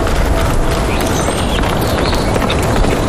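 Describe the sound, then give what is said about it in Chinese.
A herd of Tibetan wild asses gallops past, a dense, continuous drumming of hoofbeats over a low rumble, loud throughout with no voices. “强有力的四脚让藏野驴的奔跑速度可达每小时60到80千米，而且它们拥有极强的耐力。”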